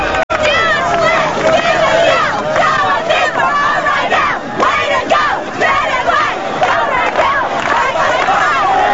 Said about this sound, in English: A crowd of students cheers them on.